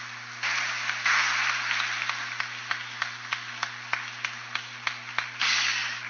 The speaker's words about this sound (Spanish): El aplauso fuerte para ellas.